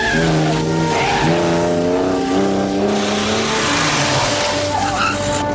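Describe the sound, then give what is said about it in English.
A car engine roars and revs hard as a woman speeds off in Bond's car, tires squealing against the road, loud throughout with the pitch climbing through the gears. “The woman speeds off in Bond's car.”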